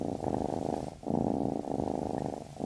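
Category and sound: animal, cat purring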